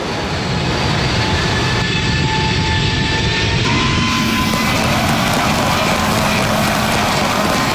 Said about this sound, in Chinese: 在经历了第一步的挫折和艰难的摸索等待后，2017年5月5日 C-919 从容地抬起头，穿越云层，翱翔在东海之滨，以近乎完美的姿态完成首飞，翻开了中国民用航空事业史册的崭新一页。